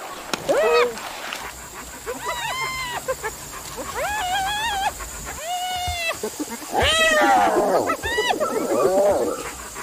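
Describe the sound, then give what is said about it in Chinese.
African wild dogs whimper and call in a run of high, squeaky, rising-and-falling yelps, several overlapping voices repeating against a low background rumble. “这是猎狗”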